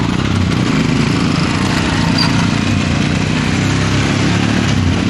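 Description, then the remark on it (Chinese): Several motorcycle engines of a border patrol team, their motorcycles bearing new five-star red flags, start one after another in the Deergong village committee courtyard at 10 a.m., then rumble and idle loudly, a steady, dense mechanical drone at an even level throughout, with no talking. “一面面崭新的五星红旗插在摩托车上，发动机依次响起，沉睡的山谷被唤醒了。”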